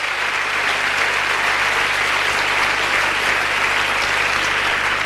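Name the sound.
audience applause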